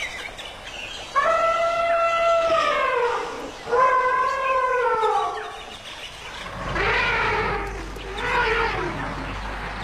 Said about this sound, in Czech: Tam opravdu byla vidět jenom ta obloha a ty hvězdy a pod tím to dupání a funění a troubení slonů a ty malé sluňata, které si tam mezi sebou kočkovaly u toho napajedla.